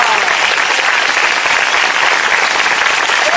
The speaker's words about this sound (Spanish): Un fuerte aplauso al Señor, iglesia, no se duerma.